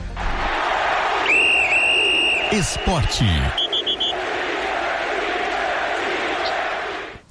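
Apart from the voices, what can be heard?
whistle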